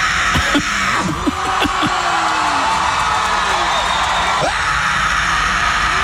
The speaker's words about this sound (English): I was like, I have to go scream in front of all these people. I was like, they heard all these beautiful singers tonight. I got to come out here and be like, ah!